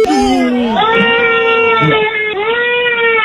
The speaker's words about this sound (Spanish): ¿Por qué llora la niña?